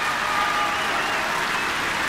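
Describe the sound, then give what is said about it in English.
A near-capacity concert audience at the Michael Fowler Centre, some on their feet, applauds Daniel Trifonov's performance of Rachmaninoff's Piano Concerto No. 3 with the New Zealand Symphony Orchestra under Umberto Clerici, in a dense, steady wash of clapping at an even, fairly loud level, with no single voice standing out. “Listen to the sound of the audience.”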